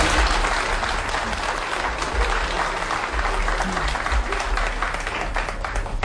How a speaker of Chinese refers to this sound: 您这一上来，大家伙就热烈鼓掌。 这都是我的老观众， 欢迎您。